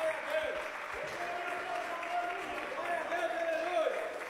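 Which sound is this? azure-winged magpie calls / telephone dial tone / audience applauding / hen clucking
audience applauding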